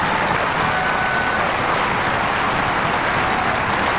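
A crowd applauds steadily, a dense, even wash of many hands clapping at once with no individual claps standing out and no voices, holding at full strength for about four seconds.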